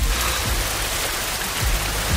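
Steady rain pours down in a dense, hissing wash on roofs and streets in Hesse, Germany, with soft low thuds of drops hitting hard surfaces. No voices, just continuous rainfall filling the space.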